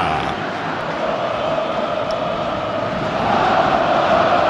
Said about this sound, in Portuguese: Vai terminar o jogo no estádio do Maracanã. Sente o clima da torcida. A torcida do Fluminense faz a festa no Maraca.